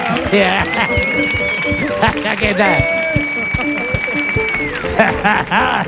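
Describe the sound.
An audience applauds steadily for several seconds, a dense crackle of many clapping hands, while a voice speaks briefly over it and a sustained high tone rings out twice.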